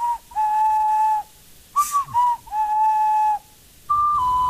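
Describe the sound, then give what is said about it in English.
A short ocarina melody from a video game on the Nintendo Switch 2, of pure, breathy whistle-like notes: a long held tone, a few quick notes, another long tone, then a slightly higher closing note, played alone without talking. “There's a microphone in the Switch 2, so you can actually hum or sing a little melody to do things on the game's magic the ocarina.”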